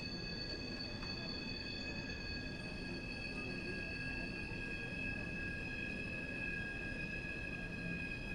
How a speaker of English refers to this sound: There's a swing and a miss as our friend the train continues to screech by. Not a delightful sound.